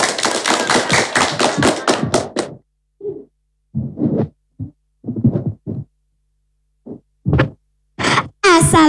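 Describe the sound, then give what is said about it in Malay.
A couple of seconds of dense hand clapping by an audience welcoming a student from SD Negeri 1 Karang Tengah who is about to tell a fairy tale, followed by scattered low thumps and taps with gaps of silence between them. “Selamat mendengarkan, tepuk tangan teman-teman.”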